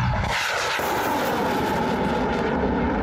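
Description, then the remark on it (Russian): A missile launching from an air defense system whose young crew protects Russian cities from Ukrainian drones: a loud, sustained rocket roar that bursts in after a brief lead-in and keeps blasting steadily with no voices. “Эта ракета уничтожила очередное вражеское крыло, которое не смогло навредить ни военным, ни гражданским.”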